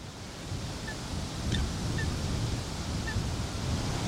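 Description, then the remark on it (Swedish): Lakeside ambience by a shallow reedy bay where a black coot paddles about: a steady low rumble of wind and lapping water, with a few faint, brief bird calls. No one speaks. “Korpsvarta fågeln som paddlar runt här inne i den grunda vassviken.”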